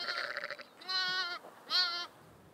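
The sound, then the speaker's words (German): Sheep and lambs bleat in three wavering, harmonic-rich calls, the first lower and steadier, the later two higher and quavering, with short pauses between and no talking. The lambs are newborn after an outdoor birth and are trying to stand up to reach their mother's milk. “Danach versuchen die Lämmer aufzustehen, um an die Milch der Mutter zu kommen.”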